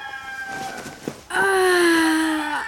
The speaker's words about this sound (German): Das war das dritte Krähen.